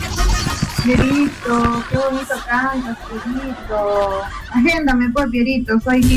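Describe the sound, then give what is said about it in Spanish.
A pet bird named Pierito sings, a steady run of warbling, whistly notes in short rising and falling phrases that fill the whole stretch fairly loudly. “Pierito, qué bonito canto, Pierito.”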